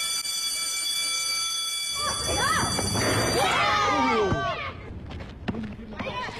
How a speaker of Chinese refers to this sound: 在温塘镇中心学校，记者看到每当下课铃声响起，孩子们都会奔向操场，哪怕十分钟的时间也要打打篮球、踢踢足球，老师们也不会扫兴，很少有拖堂的情况发生。